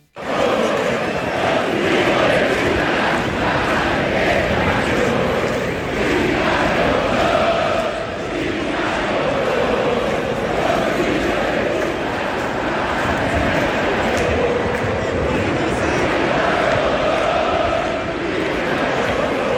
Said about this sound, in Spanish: Una no se escuchó en la transmisión, pero después 2 veces se escuchó en la transmisión. Los relatores no sabían qué decir, fingieron demencia y siguieron para adelante, pero se escuchó y con mucha fuerza en todo el Monumental este grito.